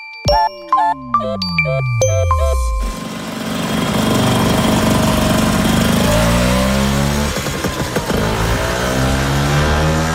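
A Vespa scooter engine revs with a buzzing whine that repeatedly climbs and drops in pitch, loud throughout, after a brief opening of jingly chime-like tones over a falling engine drone.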